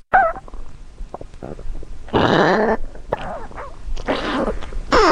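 A dog's stomach gurgles and rumbles at the foot of a bed at night, with scattered small pops building into two longer, warbling squelchy bursts, fairly loud.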